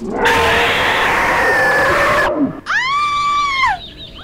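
woman screaming

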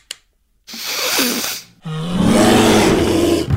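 bear roaring

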